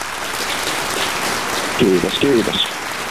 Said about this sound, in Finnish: täältä saat ehdottomasti aplodit.